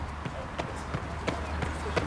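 Steady running footsteps of runners lapping a stadium track thud in a regular rhythm, about one stride every third of a second, over a low rumbling outdoor background.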